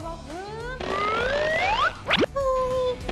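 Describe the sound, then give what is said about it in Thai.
Springy, rising boing tones as a toy fly, thrown at the mouth of a frog game, bounces back out, followed by a quick sharp bounce and another wobbly twang, fairly loud, with no talking. “อีกนิดเดียว มันกระเด้งออกมา”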